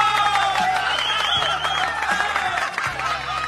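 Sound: applause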